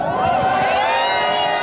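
A loud, dense crowd of soccer fans cheering and chanting in the street after a match as they head for the center of Barcelona, thumping their chests and setting off fireworks; many overlapping voices hold sustained, rising tones at a steady level throughout.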